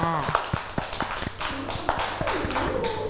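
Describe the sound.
Children clap their hands in a loose, uneven patter of sharp, close claps lasting a few seconds, with young voices chattering and calling out over the clapping.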